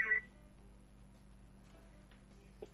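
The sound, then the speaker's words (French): A single short electronic phone keypad tone, pressed by a toddler on a phone call line, sounds at the very start, followed by faint, steady line hiss and a soft click near the end, with no talking. “Vraiment éviter d'appeler, de passer le téléphone au bambin, hein.”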